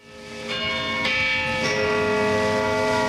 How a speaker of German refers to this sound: Wenn es in Zürich Mittag ist, hört man 12 dumpfe Schläge vom St. Peterturm und das Knurren von 500.000 hungrigen Mägen.